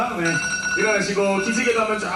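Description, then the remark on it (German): An alarm clock rings after 90 minutes at a power-nap contest in South Korea, with a bright, high-pitched jangling tone that holds for a couple of seconds while voices talk underneath it. “Ja, nach 90 Minuten hat aber auch beim Powernap-Contest der Wecker geklingelt.”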